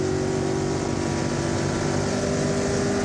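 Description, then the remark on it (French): A car engine roars loudly at high revs, pulled up to 7000 rpm, a dense, steady mechanical drone held for the whole moment with a strong humming tone and no speech. “Alors, on tire le moteur jusqu'à 7000 tours.”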